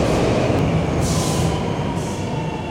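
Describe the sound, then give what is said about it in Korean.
A Seoul Subway Line 2 train rumbles loudly and steadily as it pulls into a station, with two brief bursts of high hissing squeal riding over the continuous roar. No voices are heard. “지금 서울 2호선, 2호선 열차가 들어오고 있습니다.”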